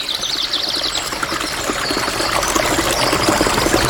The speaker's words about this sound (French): Il entendit au loin une rivière et s'en approcha.